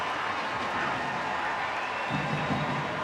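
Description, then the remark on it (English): A crowd cheers in a sustained, steady roar with clapping mixed in at an NWSL soccer match, after a one-handed save by Jordan Silkowitz. The noise swells slightly near the end, and no clear voice stands out. “Brings the crowd to a frenzy.”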